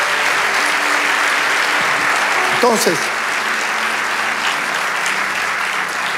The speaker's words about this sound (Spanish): Vamos, dale ese aplauso al Rey de Dios.